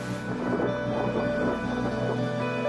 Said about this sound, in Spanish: Durante el tiempo que pasamos en el refugio hubo fuertes tormentas.